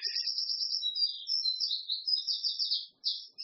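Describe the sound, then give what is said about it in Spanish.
A small bird chirps loudly and close by in a rapid, continuous run of high, bright notes, with a brief pause near the end before the song resumes. “Miren, tenemos un pajarito aquí al lado que está bastante alto. Está haciendo competencia, quiere contarles algo.”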